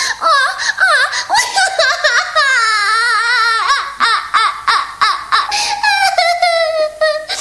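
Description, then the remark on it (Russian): A princess cries loudly, high-pitched wavering wails broken by short choked sobs, carrying on for several seconds without any other voices. “Принцесса, почему вы плачете?”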